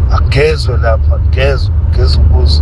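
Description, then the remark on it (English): A steady, low rumble of trucks on a road runs continuously beneath a man talking, with no distinct pass-by standing out from the traffic drone. “Noma izinto nje zimashakashaka emgaqweni. Ama-truck ngathi igang yazela.”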